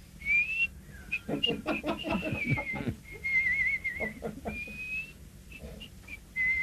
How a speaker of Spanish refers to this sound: … silbando, carajo, yo dice.